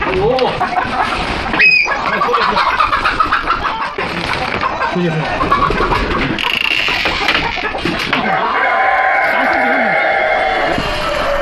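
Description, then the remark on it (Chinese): A crowd of black-bone (silkie) chickens clucking and squawking in a coop after a wild dog got in, their calls overlapping into a loud, continuous chatter, with one sharp, high squawk standing out early on. “野狗、黄鼠狼、毒蛇是乌骨鸡的天敌，时不时就会闯进鸡舍。”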